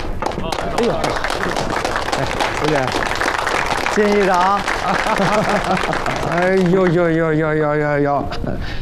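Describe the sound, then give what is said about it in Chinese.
A crowd at a county council meeting bursts into sustained applause, dense rapid clapping from start to finish, while a few voices call out loudly over it near the end. “全专员到大家鼓掌。”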